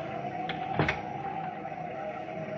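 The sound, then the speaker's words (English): A heavy oak door of an inn swings open during a storm with a couple of short, soft clunks over a steady low hum; no voices. “Before I could knock, the door swung open.”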